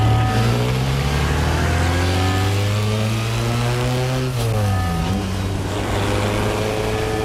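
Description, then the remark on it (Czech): A car engine runs steadily, its low harmonic drone holding an even pitch before dipping briefly as if easing off, then settling back into a continuous rumble. “Tamhle, to je mé auto a jedu v něm já a Čeňek.”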